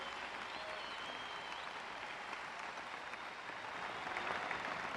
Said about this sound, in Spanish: Aplauden sin temor, si usted me está oyendo, si usted me está entendiendo.